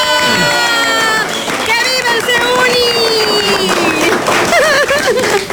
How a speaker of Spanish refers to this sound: ¡Aplausos! ¡Oh, bravo!